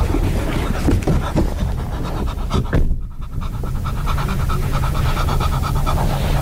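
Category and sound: animal, dog panting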